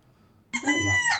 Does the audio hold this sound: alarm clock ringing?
no